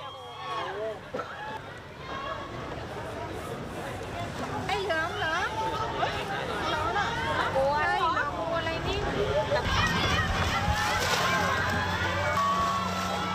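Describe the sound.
A crowd of many voices shouts and calls out at once, growing louder and more excited partway through, with clapping mixed into the steady noisy hubbub, as Thai Prime Minister Anutin arrives by boat to hand out relief bags to residents of the flooded Khlong Chan flats, around 7 p.m.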